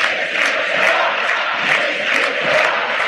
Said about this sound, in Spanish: Le están haciendo como un círculo a Messi, los jugadores argentinos. Messi no se va, grita la gente.